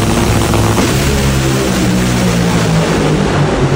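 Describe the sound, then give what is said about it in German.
Dragster race cars with up to 10,000 horsepower, racing against each other at the Nitro Olympics at the Hockenheimring, roar at full power, a loud, steady engine blast with a deep, droning low hum and harsh noise, unbroken for the whole stretch with no voices. “Das heißt, hören, was diese Dreckster-Autos da machen, das fühlt man.”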